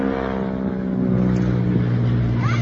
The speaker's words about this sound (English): But yeah, I thought that flyover was pretty cool the other night when they did that. This is so cool from the Aviation Museum. I love that sound.